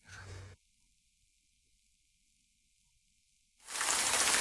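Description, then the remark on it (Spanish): A brief burst of steady, hissing rain, then near silence for about three seconds, before a loud, dense rush of rainfall returns and continues to the end. “La lluvia.”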